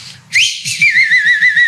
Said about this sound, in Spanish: Dice por acá tu hermana Mari Muñiz, Dios me lo bendiga, hermano, otra vez chifle.